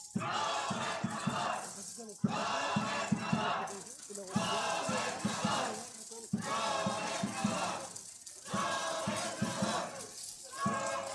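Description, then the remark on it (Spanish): A large crowd at an event in Zacatecas state shouts "¡Gobernador!" together in unison for governor David Monreal Ávila, in loud, rhythmic bursts, each chant lasting a couple of seconds and separated by brief pauses, with many voices blending into a dense roar. “A ver, nuevamente, a una sola voz que se escuche.”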